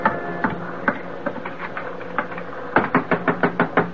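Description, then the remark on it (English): Someone knocks on a door aboard a ship, a few scattered raps at first, then a quick run of about six loud, insistent knocks near the end, over a steady low mechanical hum. “Get away from that door! Come on, open up”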